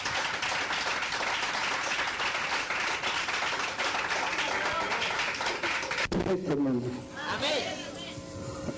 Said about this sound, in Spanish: ¡Aplausos a nuestro Rey! ¡Gloria a Dios!